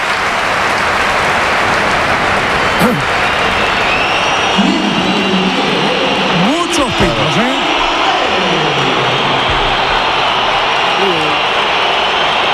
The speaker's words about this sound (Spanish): El se va Gonzalo. Del Real Madrid. Sí, se va Gonzalo. Alfredo, ¿qué te he dicho? ¿Qué te he dicho, Alfredo? Y va a entrar Mbappé a ver el Bernabéu. Vamos a ver. Aplausos para Gonzalo.